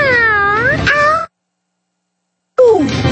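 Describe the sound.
A person mimics a cat, giving a drawn-out, wavering meow, then a short gap of silence before a second, lower meow-like call. Fairly loud, with no other sounds.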